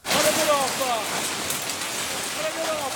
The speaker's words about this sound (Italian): Chicchi di ghiaccio come sassi e la violenta grandinata che ieri sera ha colpito San Benedetto del Tronto. Panico tra gli automobilisti che si sono trovati sotto i colpi. I danni sono soprattutto a carico delle auto, ma non sono mancati feriti.